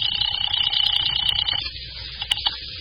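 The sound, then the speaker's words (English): A telephone call placed from a drugstore phone rings on the line, a steady bright electronic trill lasting about a second and a half, then cuts off, leaving faint low background noise and a couple of small clicks. “It was the sight of the phone that made me remember Mrs. Matthews. She'd be anxious to know what happened. I had to tell her something. I rang her number.”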